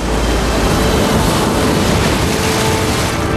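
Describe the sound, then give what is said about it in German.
Ocean waves roar and wash steadily, a dense, loud rush of surf that carries on without pause and has no voices over it, as a boy runs into the sea and jumps into the water with his surfboard. “rannte zum Meer und sprang mit seinem Surfbrett ins Wasser.”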